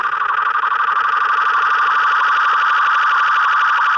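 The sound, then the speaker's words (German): A steady, bright synthesizer tone with an echo effect hums continuously with a fast, rippling pulse, its repeating echoes blurring together into a dense, loud wash, in a track by a Japanese acid pop band from Tokyo. No voices are heard. “Das wollte ich noch mitnehmen, das Echo hier.”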